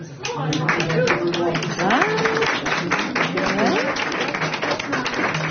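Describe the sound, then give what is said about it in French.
An audience at an assembly applauds steadily for several seconds to vote in favour of leaving the wolf alone, dense clapping with scattered voices calling out and chattering underneath. “Qui est pour qu'on foute la paix au loup? Par applaudissement.”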